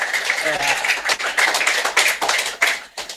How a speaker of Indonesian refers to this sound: sekali lagi berikan tepuk tangan untuk